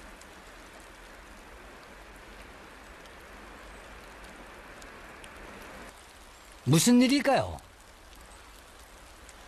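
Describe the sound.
Steady rain falls on a rice paddy, hissing evenly for several seconds in a dense soft wash of falling drops. Near the end a person briefly asks a question over it before the rain continues.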